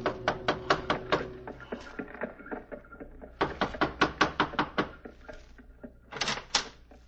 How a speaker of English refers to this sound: Gave the driver his fare, received a wink in return, and knocked on a door.